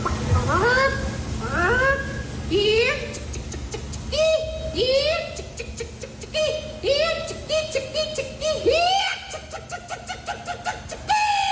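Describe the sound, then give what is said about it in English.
A woman performs a chicken call in the female chicken calling contest at the Iowa State Fair: a run of rising, squawking clucks and cackles that repeat rapidly and loudly over a steady low background hum. “Bunch of people get together, they do their best chicken calls, and these are the people that were on the podium.”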